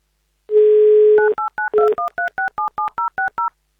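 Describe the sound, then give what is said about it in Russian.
A steady dial tone hums briefly, then a quick, even run of about eleven short two-pitch keypad beeps as Avtoradio dials a phone number in Saint Petersburg, with no voices. “вам сейчас звоним в Санкт-Петербург.”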